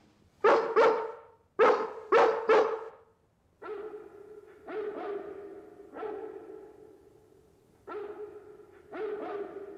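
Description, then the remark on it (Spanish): A Great Dane in Hampstead barks at night, starting with a quick burst of four or five loud, sharp barks, then a slower run of longer, drawn-out, somewhat softer barks, with no one talking. “Es el gran danés de Hampstead.”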